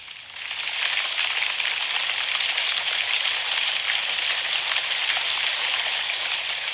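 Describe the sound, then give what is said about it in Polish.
Light rain patters steadily and evenly, a soft continuous hiss of fine drops on a surface that fades in over the first second and then holds constant, with no voices. “Zaznaczone. Leki deszcz.”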